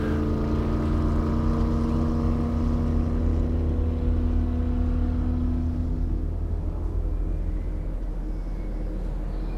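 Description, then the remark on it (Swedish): A white motorboat carrying two people starts and its engine drones steadily and loudly, its pitch holding then gradually easing and fading as the boat speeds away out onto a lake, with wind and water wash beneath. “Motorn startar och de kör snabbt iväg ut på sjön.”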